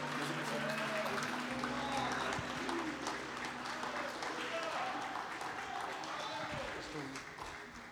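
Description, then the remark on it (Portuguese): A church audience applauds steadily and loudly to welcome the preacher, a dense wash of many hands clapping that continues throughout, with voices faintly mixed in beneath and the applause tapering slightly near the end. “Recebamos o servo do Senhor com palmas para Jesus.”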